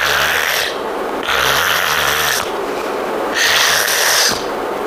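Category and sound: vocal imitation, voice imitating snoring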